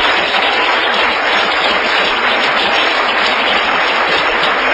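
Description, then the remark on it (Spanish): Steady, dense clapping from a crowd giving applause to the blessed King, a continuous loud wash of overlapping claps lasting the whole stretch without pause or voices. “Denle un aplauso al Rey bendito.”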